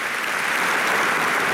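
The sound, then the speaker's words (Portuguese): A large congress audience in Portugal applauds steadily, a dense, sustained wash of clapping that stays loud and even from start to finish, with no voices standing out. “Tem de ser o aplauso do Congresso.”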